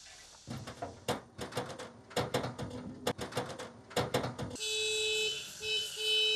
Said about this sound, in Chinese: 工作人员一边卸草料，一边鸣喇叭，这是召唤麋鹿开饭的信号。